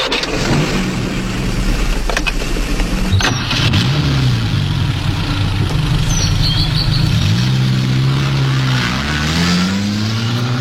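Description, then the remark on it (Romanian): A recently repaired car engine revs and accelerates, its pitch climbing and dipping in repeated surges over a steady loud rumble, with a few sharp clicks along the way. “După cum vedeți, merge și accelerație. Ambreiajul e ca nou.”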